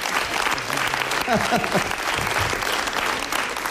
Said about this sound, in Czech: Takovýhle potlesk jsem tady nikdy neměl. A nikdy mít nebudu.